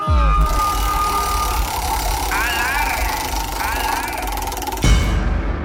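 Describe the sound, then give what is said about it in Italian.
A prize wheel spins with a rapid, continuous ratcheting rattle under a dense bed of sound and warbling electronic tones, then cuts off abruptly shortly before the end. “Attenzione, gira la ruota.”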